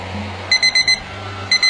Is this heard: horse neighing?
no